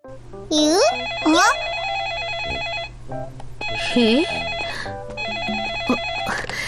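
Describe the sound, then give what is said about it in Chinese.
A telephone rings with a bright electronic warbling tone, repeating in steady bursts over a continuous background hum, loud throughout. “原来是电话响了。”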